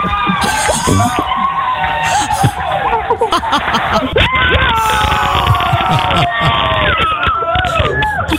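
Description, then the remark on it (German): A group of people in the Moin Show on Antenne Niedersachsen cheering and shouting excitedly as a 10,000-euro final is confirmed, loud and sustained for several seconds, with overlapping high-pitched whoops, cries and bits of laughter running throughout. “Großer Jubel bei uns in der Moin Show, denn in diesem Moment war klar, wir haben ein Finale um 10.000 Euro.”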